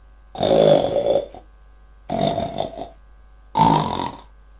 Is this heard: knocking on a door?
no